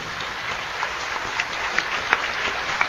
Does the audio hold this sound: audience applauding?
yes